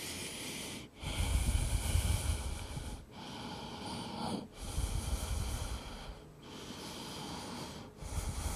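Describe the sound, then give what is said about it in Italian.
Slow, deep breathing during a relaxation exercise, with airy, breathy inhales and exhales flowing in steady cycles about two seconds long, separated by brief pauses. No one speaks; the breaths are the only sound. “Facciamo un altro per lato, uno, due, e poi ci ascoltiamo nuovamente ponendo le mani un po' più avanti, andiamo indietro, sentiamo il respiro.”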